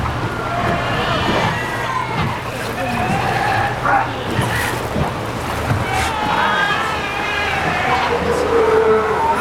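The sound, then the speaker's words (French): A chorus of sea lions at the island's largest sea lion colony barking and honking continuously, overlapping hoarse calls rising and falling in pitch over a steady low rumble of surf or wind. “plus grande concentration de lions de mer de l'île. Vous allez les entendre.”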